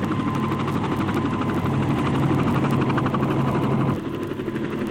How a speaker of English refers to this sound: In seconds, the net drops over the stage, picks up all five Tones, and the helicopter flies off.